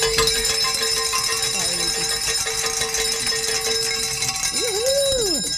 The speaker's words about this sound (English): Well, are we ready to celebrate? We're ready to celebrate. Hey. Let's ring some bells.